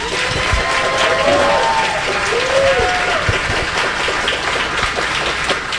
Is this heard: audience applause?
yes